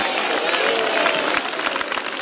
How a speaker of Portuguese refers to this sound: Isso, dá uma salva de palmas, vamos lá, bem bonito para Jesus, vamos lá. Mais alegre, palmas de glória a Deus.